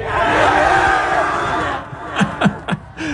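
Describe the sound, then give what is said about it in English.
A couple hundred seniors at Bishop Kelly scream and roar in a dense, steady wall of voices as they celebrate a milestone with their parents. The roar then thins into a few sharp, rising whoops and shouts. “That sweet, fleeting moment between a parent and a child and a couple hundred screaming seniors.”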